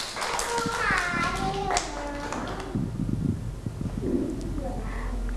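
Children chatter and call out, then a short burst of scattered, uneven clapping from several small hands rises and fades over a couple of seconds.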